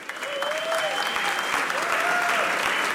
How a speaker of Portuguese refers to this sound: Uma salva de palmas para os três.